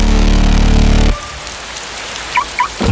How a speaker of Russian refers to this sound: Надоел дождь?